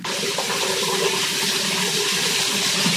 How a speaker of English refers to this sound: When I wandered out of the bedroom, I heard the shower on in the bathroom.